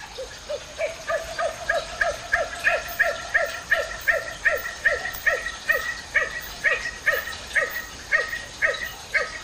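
A nocturnal bird found in Brazil gives a long, steady series of short, bark-like calls at night near forest edges, about two per second, clear over a faint background hiss, with no talking.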